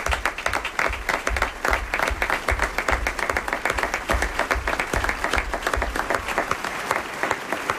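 A crowd applauds steadily throughout, many hands clapping in a dense, sustained wash that stays fairly loud and close for the whole stretch, with no voices breaking through.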